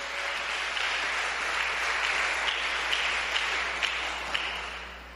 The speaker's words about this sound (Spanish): ¿Cuánto dan gloria a ese Dios poderoso? Dale ese aplauso al que vive por los siglos de los siglos.